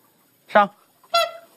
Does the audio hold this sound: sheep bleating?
no